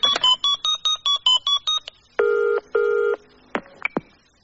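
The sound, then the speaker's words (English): A quick run of about ten short keypad tones as a number is dialed to phone Diana, then two buzzing ring bursts and a couple of sharp clicks, clear with no one talking. “Phone her up, I dare you.”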